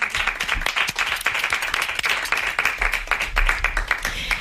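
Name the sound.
applause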